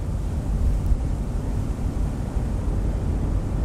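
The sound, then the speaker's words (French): Steady, loud wind buffets the microphone out on the open deck of a container ship leaving China for Europe, a dense low roar with constant gusting rumble and no voices. “De la Chine, le porte-conteneurs ramène les boîtes, bien alignées, direction l'Europe.”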